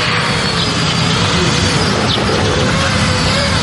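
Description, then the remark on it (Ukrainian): An FPV drone takes off and flies a special race course at a competition among FPV crews at the Omega special purpose center of Ukraine's National Guard, whirring loudly and steadily: a dense high-pitched motor buzz mixed with rushing air that holds an even level throughout. No voices. “FPV-дрон здіймається в небо та вирушає на місію.”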